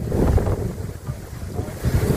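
Strong tramontane wind, gusting up to 180 km/h, roars and buffets the microphone in steady, rumbling gusts at a wildfire burning between Santa Maria la Mar and Canet de Rosselló, loud, with surges near the start and end and no voices.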